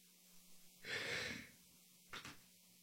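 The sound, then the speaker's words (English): A big, drawn-out yawn, a long breathy inhale-exhale, fairly quiet, followed a moment later by a short, sharp breath. No talking. “That was a big yawn.”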